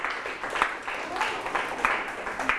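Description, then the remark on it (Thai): A classroom of students clapping together for a classmate, a steady wash of overlapping claps with a few sharper beats standing out, moderately loud, lasting a couple of seconds. “ปรบมือให้เพื่อนอีกครั้งครับ”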